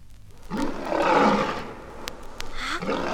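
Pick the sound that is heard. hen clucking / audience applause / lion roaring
lion roaring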